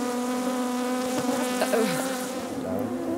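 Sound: wild bees buzzing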